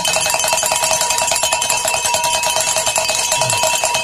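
Bells clang loudly and continuously in a fast, steady rhythm, their bright metallic strikes piling into a ringing wash of overtones for several seconds with no voices.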